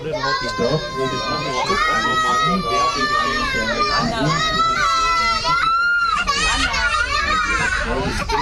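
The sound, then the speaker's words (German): Several children on a train shriek, wail and shout over one another in a squabble over seats, loud, in a continuous jumble of high-pitched voices that barely lets up for the whole stretch. “Oder was ist das für ein Geschrei?”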